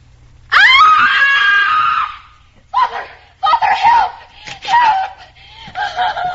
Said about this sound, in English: why are you screaming? What's the trouble?